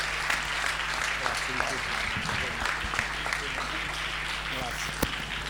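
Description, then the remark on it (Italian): Steady, dense audience applause, called for by the host to welcome the emergency responders of the Direzione Regionale Liguria, fills the whole stretch at an even level, with faint voices murmuring underneath and a low constant hum. “Un applauso, un applauso.”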